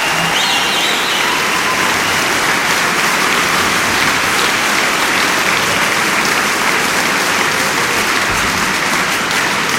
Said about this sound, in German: Und für diesen Mut, das zu machen, kommt der Applaus aus der Metropolishalle für die Kolleginnen und Kollegen von Radio Potsdam.